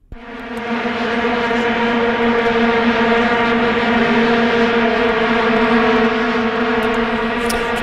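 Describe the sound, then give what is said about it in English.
A dense, steady drone of many vuvuzelas blaring together holds one buzzing pitch throughout, loud and unbroken with a slightly wavering, swarm-like texture and no voices. “But they have drawn criticism over their monotonous droning sound, often likened to a swarm of bees.”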